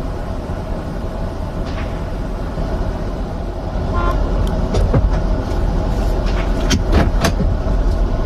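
Steady street noise with heavy traffic rumble, recorded from a passing car, a short horn toot, and several sharp, brief gunshot bangs near the end as a person fires a gun outside an In-N-Out restaurant; no one speaks.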